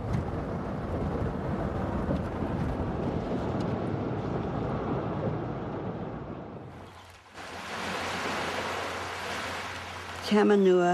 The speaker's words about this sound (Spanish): El arroyo Tamanua, ese es el nombre de ese arroyo, el arroyo Tamanua. Este arroyo marcaba el límite de la finca de la familia Lee.